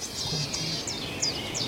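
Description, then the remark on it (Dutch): A bird calls repeatedly near its nest with young, beside a path: five or so short, high descending chirps spaced irregularly, fairly soft over a steady background hiss and low rumble, with no one talking. “Hoor je hem roepen? Hoor je hem?”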